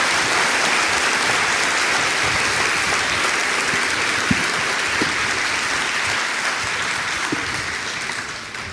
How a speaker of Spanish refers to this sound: Dale un aplauso a ese Dios todopoderoso.